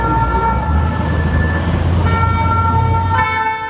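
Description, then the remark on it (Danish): Emergency vehicle sirens wail over a dense, loud street din during student protests in France, with sustained tonal blares layered above a low rumble of traffic and crowd noise, continuous throughout. “Der er sirener og tumult i gaderne, fordi ja, der er blandt andet biler, der sættes i brand.”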